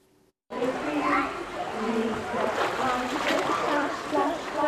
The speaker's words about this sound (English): Here at this pool in Plymouth, they're starting early.